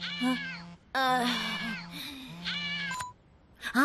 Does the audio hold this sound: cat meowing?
yes